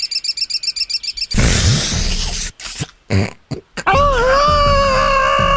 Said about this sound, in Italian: Sono una cocorita, la cocorita.